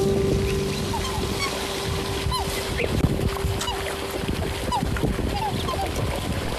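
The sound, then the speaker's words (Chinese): Red-headed ducks and black swans honk and call repeatedly amid a busy, noisy outdoor scene, with scattered bird cries over a steady low hum and splashing and movement; the ducks feed at a feeding spot while the black swans follow the keeper to the next feeding spot. “红头鸭在这个投喂处觅食，黑天鹅不敢靠前，它们尾随饲养员到下一个投喂处觅食。”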